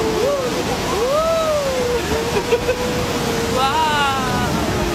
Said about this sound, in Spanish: Es un río muy tranquilo, salvo como escucháis ahí en ese momento del audio, que hay algún pequeño rápido.